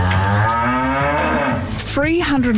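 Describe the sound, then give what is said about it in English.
A cow moos loudly, a long drawn-out low bellow that rises in pitch near the end, with no talking over it. “The bovine enzyme facial involves dusting the client's faces with fine sugar powder, then having the cows lick it off.”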